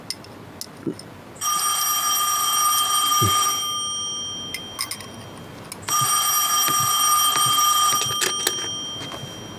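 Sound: telephone ringing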